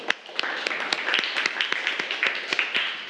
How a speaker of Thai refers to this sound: เอาปรบมือให้เพื่อนหน่อยครับ